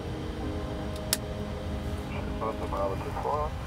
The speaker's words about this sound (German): Okay, wir lassen an. Engine number one start. Engine number two start.